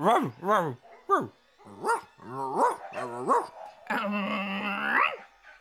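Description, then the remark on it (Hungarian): Dogs bark in a quick run of sharp, yelping barks, fairly loud, ending in a longer drawn-out whining howl. No talking is heard. “A kutya meg tud beszélni! Ezek csak ugatnak, megérdemlitek.”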